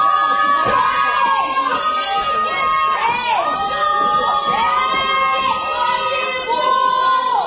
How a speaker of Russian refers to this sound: Что вы орете? Кто вас услышит через этот забор? И кто остановится в такой метели?